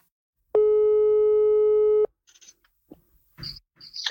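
A loud telephone ringing tone on an outgoing call: one steady, buzzy electronic tone lasting about a second and a half, then stopping, followed by faint clicks and line noise.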